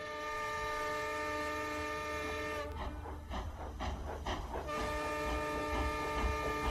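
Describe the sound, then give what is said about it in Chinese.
A steam train's whistle blows in a long, sustained harmonic tone as the train departs, briefly broken midway by a burst of chuffing steam, with rumbling train noise underneath. No one speaks. “随着汽笛的鸣叫，火车开走了，一切又重新清寂下来。”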